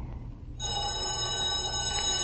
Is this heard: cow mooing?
no